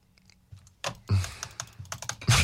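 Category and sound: household object, computer keyboard clicking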